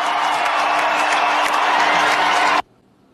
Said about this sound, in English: And just listen to the ovation that LeBron James gets when his name is announced as a part of the Los Angeles Lakers starting lineup.